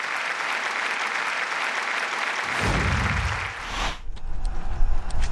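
Sustained audience applause fills the room, a dense wash of clapping from many hands that stays loud and steady before thinning out near the end.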